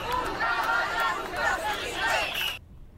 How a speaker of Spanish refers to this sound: Con estos gritos han recorrido las calles del centro de Ceuta, pues bajo ese lema, hasta que han llegado a la Plaza de los Reyes y han desplegado una enorme bandera de España desde un camión de bomberos como signo de unidad.